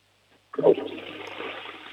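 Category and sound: household object, toilet flush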